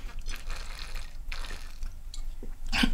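Quiet sipping of water: soft wet slurps and swallows come in short irregular bursts over a steady low background hum, with a sharper splashy sound at the very end.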